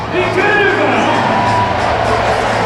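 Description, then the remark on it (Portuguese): A large stadium crowd at a football match against Chile murmurs in a steady, continuous roar and applauds the national team's players as they return to the pitch for the second half, overlapping voices blending into one dense wash of sound that holds at an even level throughout. “E nas bancadas um bruar, o público vai se apercebendo também dessas alterações, vai aplaudindo os jogadores da seleção.”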